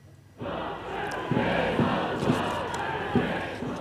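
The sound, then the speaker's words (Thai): A large crowd of thousands of protesters in Seoul, South Korea, chants loudly and continuously to demand new local elections, with rhythmic bursts of shouting rising above a dense, steady roar of many voices after a brief quiet start. “กลุ่มผู้ประท้วงหลายพันคนปักหลักชุมนุมกันตลอดช่วงคืนที่ผ่านมาจนล่วงเข้าสู่ช่วงเช้าที่บริเวณสุนัขพันแนนเสียงในกรุงโซลของเกาหลีใต้เพื่อเรียกร้องให้มีการจัดการเลือกตั้งท้องถิ่นใหม่”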